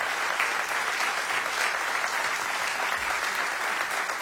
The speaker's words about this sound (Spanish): aplauso para Maxi, para Pablo. Muchas gracias, che.